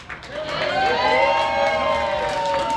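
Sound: crowd cheering and applauding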